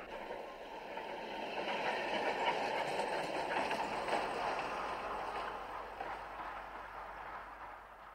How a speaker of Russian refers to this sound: Второй трамвай идет.